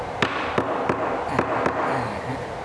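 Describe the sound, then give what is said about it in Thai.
Five sharp, solid knocks of a hammer striking wooden boards fitted one at a time, hammered at the top first, spaced unevenly over a couple of seconds, each one a crisp percussive crack against a steady background hum. “ก็เราก็ใส่ก็ไปทีละแผ่น หน่อย โอ้แล้วตอกไหม ตอกลงไปเลยครับตอกด้านบนก่อนด้านบนก่อน”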